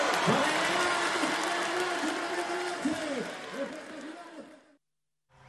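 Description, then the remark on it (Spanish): A crowd applauds loudly and steadily for several seconds for a cuarteto band, with voices calling and cheering over the clapping, before it cuts off abruptly into silence. “¡Fuerte ese aplauso!”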